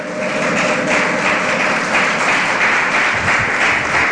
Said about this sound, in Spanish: Dele ese aplauso a Jesús. Fuerte, fuerte.